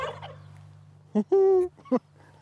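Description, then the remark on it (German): Several turkey toms on a poultry farm in Köhlau, Lower Saxony, Germany, gobble in chorus as they are let out in the morning and puff themselves up: a short burst, then a longer overlapping rattling gobble, and one more brief call, over a low, steady background hum. “lässt ihre Putenhähne raus und die plustern sich ordentlich auf.”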